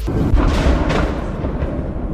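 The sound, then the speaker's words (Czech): A heavy explosion from a Russian missile strike on Odesa, a deep rumbling roar that stays loud and rolling for the whole moment, with a few sharper cracks inside the low thunder. “No a ozval se první výbuch.”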